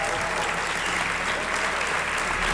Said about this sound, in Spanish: Pero estamos muy bien acompañados y me gustaría pedir, por favor, un aplauso para que aquellos que nos escuchan vean que estamos, pues, con muy buena gente.